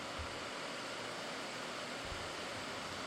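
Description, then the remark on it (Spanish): Heavy rain from a strong afternoon storm in San Juan Opico pours down in a steady, dense hiss without strong wind. It fills the whole clip without letup, with a couple of soft low rumbles underneath and no voices. “Yo creo que sí escuchan el zumbido de fondo de que está lloviendo bastante fuerte, tal vez no como en otras ocasiones, que incluso viene hasta con vientos, vientos huracanados, pero ahorita está tranquilo, pero está lloviendo fuerte.”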